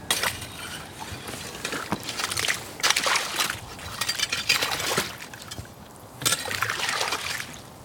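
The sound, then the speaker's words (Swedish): Slushy icy water in a hole cut in the ice, around 1 or 2 degrees, sloshing and trickling, with bright clinking and crackling of many small ice pieces on the surface in uneven bursts and no voices. “Det är som en slask här, eller slushy. Massor av små isbitar här på ytan i vaken.”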